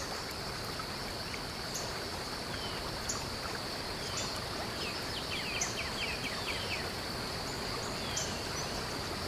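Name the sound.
waterfall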